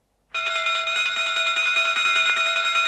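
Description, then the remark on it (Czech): A loud electric bell rings continuously with a bright, metallic, rattling tone, starting abruptly after a brief silence and holding steady without pause, no voices present. It is the first departure bell at a railway station in Moscow, where a long Kursk train waits at the third platform. “Přišli jsme, jak jsme slíbili, Dmitrij Pavloviči, hned po prvním zvonění.”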